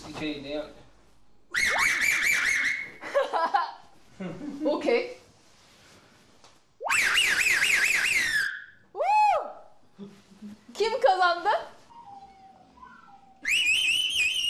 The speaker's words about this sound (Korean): 지금 삼촌분과 조카분이 누구의 휘파람 소리가 더 세게 나는지 그리고 더 높이 나는지를 대결하신다고 합니다. 누가 이길까 한번 보겠습니다.